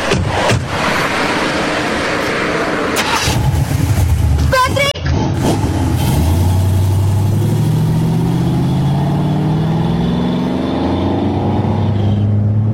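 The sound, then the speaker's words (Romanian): A red convertible's engine turns over with a brief clatter, then revs steadily higher as the car pulls away and accelerates, loud, with a rising drone filling the second half. “O, decapotabilă roșie.”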